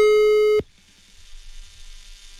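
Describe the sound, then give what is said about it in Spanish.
A loud, steady telephone line tone sounds for about half a second as the radio station La Mejor FM 100.1's Kama Show dials a listener live on air, then cuts off abruptly, leaving only the faint hiss of an open line. No one speaks. “Shh, cállense, estaba marcando, ¿eh?”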